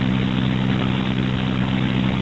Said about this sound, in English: Just missed the eloquent sounds of garbage trucks that were doing the sanitation work as you're doing that thing.